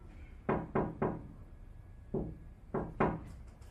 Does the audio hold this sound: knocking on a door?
yes